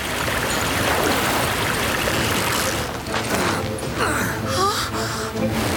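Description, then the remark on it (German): A loud, steady roar of a raging river fills the whole recording, with a brief gasp or sharp breath rising out of the churning flow near the end as a woman falls into the river from a breaking bridge. “stürzt in den reißenden Fluss”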